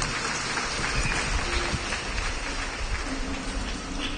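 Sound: audience applauding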